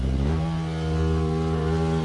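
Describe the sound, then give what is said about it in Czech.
An Asian hornet buzzes in a loud, steady low drone for about two seconds, its pitch nudging upward at first, with a rough, engine-like hum rich in overtones. “No jasně, a strašeně, ale jak to zní prostě, o mě děsí už ten jejich zvuk, jo.”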